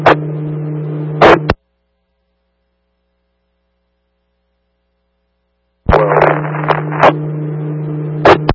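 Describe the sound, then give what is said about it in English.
Radio static comes in two loud bursts, each switching on and off abruptly, with crackly hiss over a steady low hum, separated by several seconds of dead silence. “The rest was just static.”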